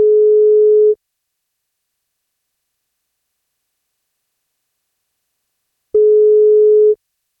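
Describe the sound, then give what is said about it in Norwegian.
A telephone ringback tone on an outgoing radio call to a listener turning 16 on his birthday: two steady, clear mid-pitched beeps, each about a second long, separated by a long silent gap, with no voices. “Han fyller 16 år I dag, og dersom han tar telefonen, så blir det kake på.”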